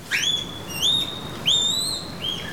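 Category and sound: animal, female panda calling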